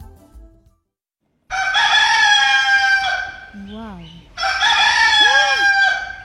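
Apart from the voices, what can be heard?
rooster crowing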